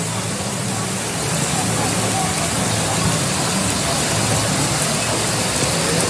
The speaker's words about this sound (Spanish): Esas imágenes, hay audio, hay un sonidito. Si ponemos el sonidito de cómo caía el agua, la lluvia, a esa hora de la tarde.